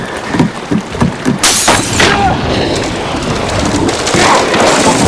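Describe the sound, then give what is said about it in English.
A great white shark's head crashes through a window of a flooded boat cabin at sea: glass shatters in a sudden loud crash, a sharp burst followed by scattering debris over a steady roar of rushing water and rain-like noise. “He makes his way past the windows just before the shark's head crashes through one.”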